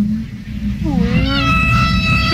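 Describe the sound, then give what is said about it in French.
A whale call with a rising, meow-like tone, stacked with bright harmonics and sliding upward over about a second, set against a low rumbling underwater background. “On en dirait mon chat, des fois.”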